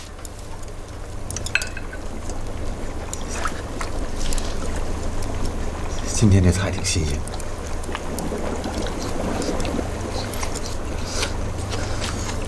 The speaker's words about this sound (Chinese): 锅都快开了，赶紧下菜吧。